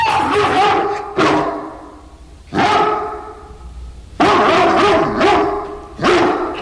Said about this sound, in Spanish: Empezó a saltar y a ladrar frente al caballo. Quería detenerlo.